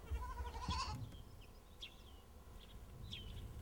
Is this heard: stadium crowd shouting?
no